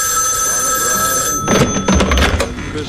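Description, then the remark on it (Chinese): A telephone rings with a bright, steady electronic tone for about a second and a half. It then breaks off into a burst of clattering handling noise as the receiver is picked up to answer a call. “更让人感到意外的是，这一天他突然拨通了卡尔的电话。”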